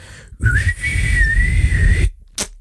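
A single sustained whistle, slightly wavering in pitch, held for about a second and a half, an answering machine's beep tone signalling to leave a message, over a low rumbling background, then a brief short noise after.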